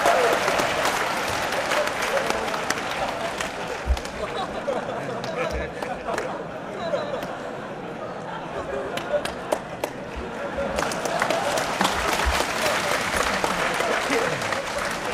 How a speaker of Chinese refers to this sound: 大家不要鼓掌，一鼓掌我容易骄傲。